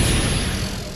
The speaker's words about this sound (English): Those garage door noises are getting louder. That noise is a sign of a problem.